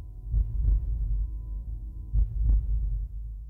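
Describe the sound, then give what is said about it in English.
Deep, muffled heartbeat-like thumps of the earth, heard with ears on the ground, in a slow ba-boom pattern, two double beats over a low continuous rumbling hum, with no voices. “And it was my first time ever to hear earth's heartbeat. Ba-boom, ba-boom, ba-boom.”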